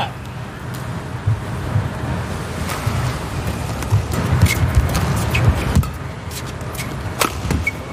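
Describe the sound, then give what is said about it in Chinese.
A sharp racket smash cracks against a shuttlecock in a badminton match, a heavy smash landing around half-court, among several quick, snapping hits over a steady rumble of crowd noise, moderately loud. “这是一拍重杀，但是有点半场。”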